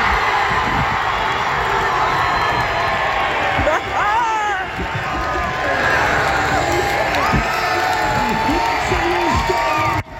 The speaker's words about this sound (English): Of course, there is nothing like being there, but this is Calgary. Several hundred people showing up on a Friday afternoon at Eau Claire Plaza weren't disappointed with the vantage point to cheer on Team Canada.